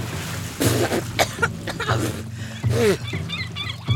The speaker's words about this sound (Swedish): Plötsligt är jag i havet. Plötsligt är det vatten överallt. Ögonen, i öronen, i näsan, i munnen. Jag hostar och frustar.